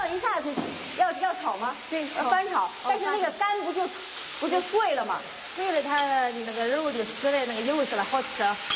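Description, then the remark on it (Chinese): A steady sizzle of anglerfish and its liver being stir-fried in a hot wok, with stirring that breaks up the liver and flesh, runs under people talking throughout; the frying stays moderately loud and continuous beneath the voices. “这样一下就要炒吗？ 对，翻炒，但是那个肝不就碎了吗？”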